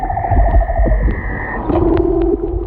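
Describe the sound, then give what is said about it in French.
An underwater leopard seal song: long, steady tonal calls that hold, then drop to a lower, buzzing pitch, over a constant low rumble of water; the seal arranges the same five notes used by its species into its own unique melody. “Alors ça, c'est l'exemple du chant d'un léopard de mer.”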